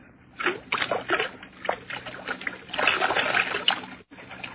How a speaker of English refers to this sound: There's the whiskey, still half full. Pour most of it out, so that it will look as though we had even more to drink.